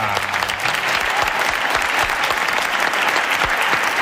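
Loud, sustained applause from an audience, a dense crackle of many hands clapping steadily for several seconds with no voices standing out.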